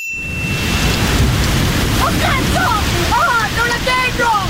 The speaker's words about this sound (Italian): Motore andato! Cristo, le onde! Sono dei palazzi enormi, aiuto! Stiamo per affondare, amore! Affondare!